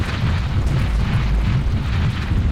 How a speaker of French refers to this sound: Zut! Une coulée de boue vient d'obstruer l'entrée de la grotte.